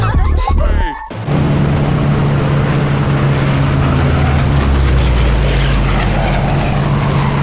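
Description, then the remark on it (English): Loud, steady drone of propeller aircraft engines, with planes flying at about 7,000 meters, filling the whole clip, a low humming tone over dense roar, after a brief cut in the first second. It is continuous. “All right, my brothers, I'm 7,000 meters. Enemy planes, 6,000 meters.”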